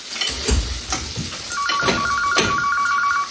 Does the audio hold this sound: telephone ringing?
yes